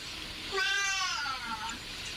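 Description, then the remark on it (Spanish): A single drawn-out cat meow, rising and then sliding down in pitch, clear over a faint background hiss, with no talking. “Wow, hasta el gato se te ríe, Liberto.”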